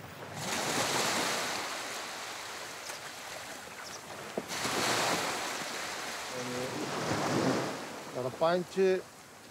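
Waves wash and lap in a small harbor, rising and falling in soft surges over steady water noise, with a few brief tonal calls near the end.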